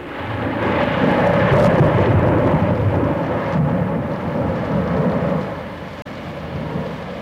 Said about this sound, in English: thunder.